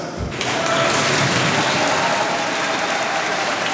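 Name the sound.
applause and cheering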